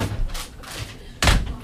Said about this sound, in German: So, da machen wir jetzt die Tür wieder zu. Ja, hier kann keiner durchgreifen.